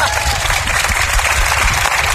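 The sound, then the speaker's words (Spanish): A crowd claps steadily, a dense and even patter of many hands filling the whole moment, fairly loud, with no pause in the applause. “Así que aplaudan, vamos, vamos.”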